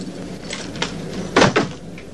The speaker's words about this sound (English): comes home to his dark, empty flat, flicking on the lights as he opens the door.